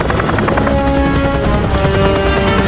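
A helicopter thunders close by, its rotor chopping in a steady rapid pulse with a whining engine tone, loud and continuous as it hovers and lowers.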